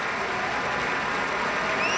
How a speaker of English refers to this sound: More applause for Pablo Sanz Viegas. Continuing applause for Pablo Sanz Viegas.